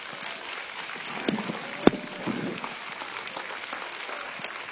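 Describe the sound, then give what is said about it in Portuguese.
A church audience claps hands to glorify God in a steady, dense patter of many overlapping claps, with one sharp louder clap standing out briefly before the applause continues at an even level. “Pode glorificar Deus com as suas palmas.”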